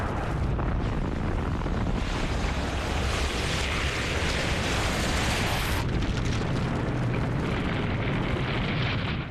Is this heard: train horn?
no